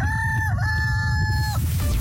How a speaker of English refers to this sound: What? Can you hear that? What's that? What's that sound? It's the chickens coming home to roost!